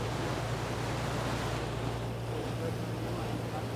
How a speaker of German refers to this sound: Du spürst den Wind, oder? Ja, allerdings.